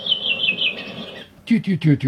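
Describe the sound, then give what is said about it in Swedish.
A redwing thrush sings a single falling phrase in a classic falling dialect, a bright, clear warble that steps downward for about a second, followed by a short burst of human speech. “Det är mer en klassisk fallande dialekt. Det var lik min brände rövinge trast.”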